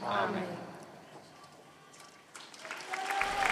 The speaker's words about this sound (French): Vive le Pape, les fidèles chrétiens qui applaudissent à la fin de cette prière de l'Angelus présidée par le Pape Léon XIV.